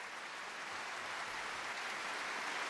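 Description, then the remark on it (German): Dense, sustained applause from a large audience in a live recording of a sold-out matinee concert in the Großes Festspielhaus in Salzburg, for the Vienna Philharmonic conducted by Christian Thielemann; countless hands clapping into a steady wash of sound that holds at an even level throughout, with no voices. “Beifall auch für die Wiener Philharmoniker unter Leitung von Christian Thielemann.”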